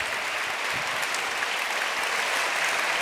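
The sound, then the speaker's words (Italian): Steady, dense applause from an audience at the Meeting in Rimini organized by the Movimento Ecclesiale Comunione e Liberazione, thanking a speaker after a talk, a continuous wash of many hands clapping at an even level for a few seconds, with no voices standing out. “Ti ringraziamo veramente, questi applausi dicono del gusto con cui ti abbiamo ascoltato.”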